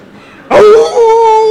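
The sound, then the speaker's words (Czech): A human voice imitates a jackal's howl in answer to a quiz question on how a jackal howls: one loud, sustained wailing note that starts with a sharp rising yelp, then holds steady at a mid pitch. “ale otázka bohužel zní, jak kuká šakal. Tedy jak vyje šakal.”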